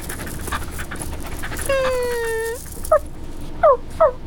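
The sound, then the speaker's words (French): A small brown dog pants quietly, then lets out a drawn-out whine followed by three short, high yelps, with no talking. “Toudou vient de voir un petit chien.”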